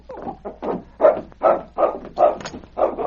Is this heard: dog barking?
yes